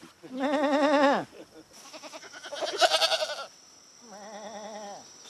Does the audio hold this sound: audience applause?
no